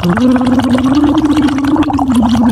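Continuous bubbling as someone blows through a straw into a cup of water as a voice exercise while voicing a steady, buzzy hummed tone that rises slightly in pitch, the gurgle running loud throughout.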